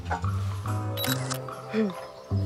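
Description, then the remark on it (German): A camera shutter clicks a couple of times in quick succession midway through, sharp, as a photo is taken, while people talk over a low steady hum. “Machen Sie mal ein Foto.”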